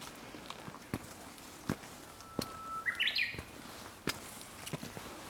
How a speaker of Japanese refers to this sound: 会津駒ヶ岳のウグイス、いい声です。